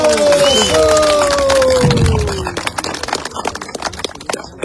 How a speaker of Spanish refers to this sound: Pedro Castillo. Pedro Castillo. Fuertes palmas combativas.